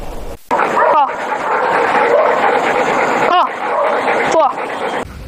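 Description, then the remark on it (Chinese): A few sharp dog barks ring out at irregular intervals over a dense, steady background of noise and voices, fairly loud; three police dogs in Beijing during training with their handler: Fahai, an eight-year-old narcotics dog, Taiyang, a seven-year-old evidence dog, and Nikou, a four-year-old young dog. “正在带领三只警犬开展科目训练”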